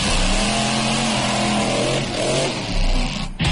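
A stunt car engine revs loudly, its droning pitch rising and falling over a steady roar, with a brief sharp burst near the end, during the Motor Show Extreme stunt and extreme driving show at the Coma-ruga karting grounds. No one speaks.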